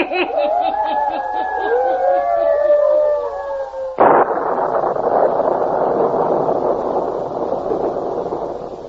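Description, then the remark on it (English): Howling wind rises and falls in long wavering tones over a rhythmic pulsing, then a sudden loud thunder crash breaks in, followed by a steady roar of storm noise from a small electrical storm. “Matter of a small electrical storm should not trouble you”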